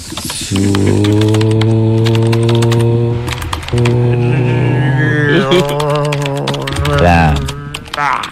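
Rapid, irregular clicking of a doctor typing on a computer keyboard during a patient consultation, running steadily throughout, over a loud sustained droning hum.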